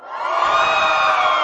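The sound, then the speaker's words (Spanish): A large group of students of IEMS Iztapalapa 2 shout and cheer together in a loud, sustained roar that swells quickly and holds steady, sounding energetic. “gracias a los y las estudiantes del IEMS, que además gritan bien chido.”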